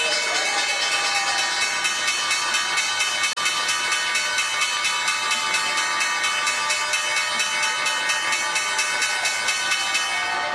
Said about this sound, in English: The bells ringing an end to the trading day at the NYSE. CGI ringing the bell. And at the NASDAQ, it is LinkedIn doing the honors.